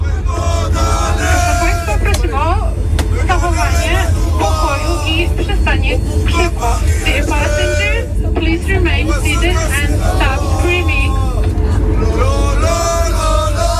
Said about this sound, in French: Et puis des chants de supporters à plus de 10 000 mètres d'altitude. Ceux qui sont rentrés de Hongrie par le train jusqu'à Vienne et qui ont pris l'avion ensuite jusqu'à Paris. Écoutez, c'était juste avant l'atterrissage hier soir.